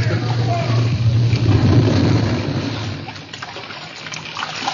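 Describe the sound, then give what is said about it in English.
Continuous splashing and churning sea water as people leap from a ship into the sea, loud, over a steady low rumble, with a brief dip in intensity near the end. “Seconds before the prow raised in the air, they leaped for the dangerous haven of the sea.”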